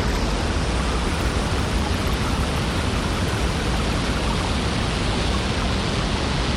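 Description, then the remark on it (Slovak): Hot water being poured over coffee, an everyday sound presented as hypersensitive children with autism hear it: a loud, unbroken hissing rush that holds steady from start to finish with no pauses and no voices. “To bolo zalievanie kávy.”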